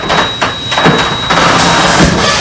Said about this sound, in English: Does your garage door always make that sound? Yeah, you get used to it.